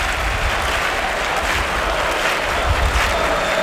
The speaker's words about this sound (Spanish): y la plaza en pie, los tendidos que se ponen en pie después de ese alarde, sin duda. Oh. Bueno, qué ovación le están pegando.